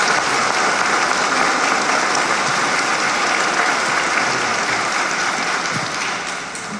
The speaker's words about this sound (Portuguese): Vamos acolher com alegria em nossa paróquia, que vai presidir a nossa celebração, nosso bispo auxiliar, Dom Joselito, com uma salva de palmas em nossa paróquia.